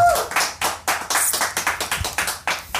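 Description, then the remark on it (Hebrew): Applause from an audience at a music awards presentation, for an album of the year award: a dense patter of many hands clapping at once, bright and crackling, with repeated surges in loudness over a few seconds and no voices on top. “אנחנו נתחיל עם התואר שקיבלת גם בשנה שעברה, אלבום השנה 13. בחיות כפיים.”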